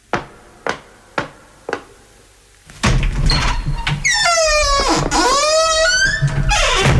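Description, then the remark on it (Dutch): Four sharp, evenly spaced knocks, then a pause before a loud, drawn-out creaking squeal of a door being opened and closed, with no voices. “Ga eens achter die deur staan.”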